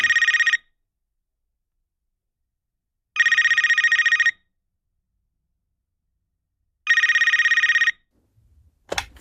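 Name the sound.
telephone ringing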